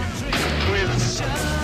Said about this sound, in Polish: Te wystrzały, które słychać, to nie karabiny, to właśnie gaz łzawiący.